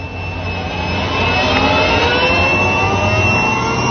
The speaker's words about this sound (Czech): Letadlo nabírá. Ano, už se rozjíždí.